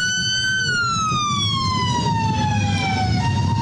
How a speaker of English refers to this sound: So you can see all the, you know, masked, armed, whoever they are, ICE, obviously, an unmarked white van with its lights and sirens on.